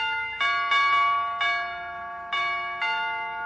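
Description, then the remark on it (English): Newly rewired door chimes ring out in a quick run of bright, ringing tones, about five strikes at uneven intervals, each note sustaining and overlapping the next with no one speaking. “I don't suppose you've got those door chimes fixed yet, McGee, have you?”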